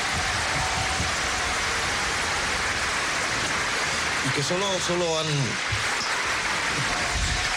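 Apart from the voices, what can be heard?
audience applause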